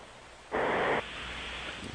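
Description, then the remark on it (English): One harsh, rasping snore from a man asleep while on hold on a phone line, lasting about half a second, with a narrow, muffled telephone quality, set against a steady low hiss with no one speaking. “That's bizarre snoring.”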